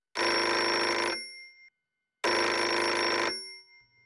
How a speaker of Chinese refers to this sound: 然而，令人难以置信的是，当天晚上10:03，专案组专门留给小偷的那门绿色电话如警报般的鸣叫起来。